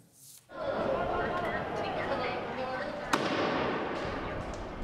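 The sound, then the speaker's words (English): A loud, steady crowd roar with many voices fills a street protest in La Paz, Bolivia, where protesters are blocking streets and lighting firecrackers; a single sharp firecracker bang cracks out over it about two-thirds of the way through. “Another tense day in La Paz, with protesters blocking streets and lighting firecrackers, and police responding with tear gas.”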